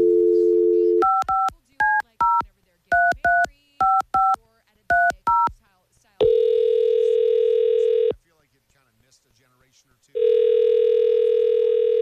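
A short dial tone gives way to a quick run of about a dozen touch-tone beeps in small clusters as a phone number is dialed for a War of the Roses call, then two long, steady phone-ringing tones separated by a pause of silence.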